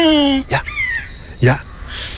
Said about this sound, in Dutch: Dat is dus een Vlaamse gaai die een buizerd nadoet.